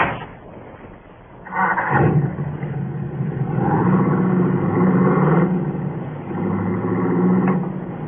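A car engine revs up loudly after a brief quiet start, its rough, throaty drone surging and rising in pitch as it pulls away and keeps running steadily to the end.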